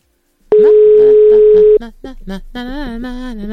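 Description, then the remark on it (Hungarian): A steady, loud telephone dial tone sounds for about a second as a call is placed to a building's joint representative, then cuts off as people begin talking. “Most a közös képviselőt hívjuk.”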